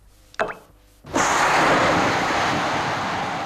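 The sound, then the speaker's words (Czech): An amplified sugar cube dissolving in tea: after a brief faint chirp, a sudden loud, sustained roaring rumble sets in, like an explosion, continuing steadily to the end. “Kostka cukru, rozpouštějící se v čaji.”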